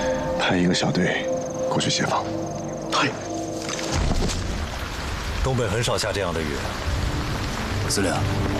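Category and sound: nature, heavy rain falling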